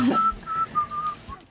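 Someone whistles a short melody up close, a few sustained pure notes gliding from phrase to phrase, with a bit of low background rumble.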